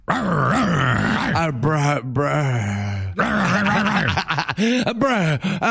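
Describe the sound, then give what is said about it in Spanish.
A person imitates a female dog, growling and panting in loud, rough bursts with wavering pitch and a few short breaks, like a playful mock fight. “Sí, jadeando ya. Es una perra.”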